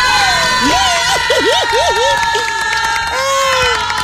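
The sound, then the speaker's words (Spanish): A loud TV programme audience cheers and claps continuously for host Jafet Hernández, with high whoops and shrieks rising above a dense wash of applause that fills the whole stretch. “Híjole, cuánto te aplauden, mi querido Jafet, mi niño chulo.”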